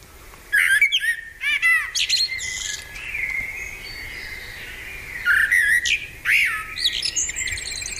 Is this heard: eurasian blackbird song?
yes